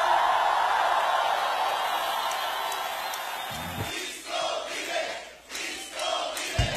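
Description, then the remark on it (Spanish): An audience roars a loud, sustained victory cry to God, a dense wall of shouting voices that swells and surges in waves, with a few sharper whoops rising toward the end. “que tenga un Dios grande, de un grito de victoria.”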